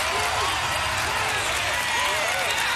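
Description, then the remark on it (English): A steady round of applause fills the whole stretch, dense clapping with a few faint voices or cheers mixed in, holding at an even, fairly loud level without fading. “Can we have a round of applause for this, please”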